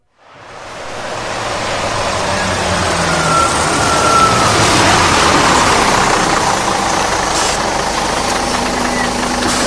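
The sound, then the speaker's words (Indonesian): A Transjakarta city bus on Corridor 8, the Lebak Bulus–Harmoni route, idles with a steady, loud rumble and a broad hiss, rising quickly at the start and then holding constant throughout, with no voices. “Pelanggan yang terhormat, selamat datang di bis Transjakarta Koridor 8 dengan rute Lebak Bulus Harmoni.”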